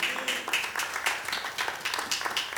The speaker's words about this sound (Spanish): Aleluya. Démosle palmas al Señor, hermano.